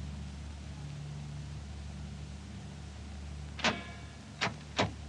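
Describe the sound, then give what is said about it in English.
Aircraft engines rumble in a steady, low drone at an airfield, then three sharp bursts near the end sound like an engine coughing and catching as the starboard outer engine is turned over, with no talking. “Starboard outer engine.”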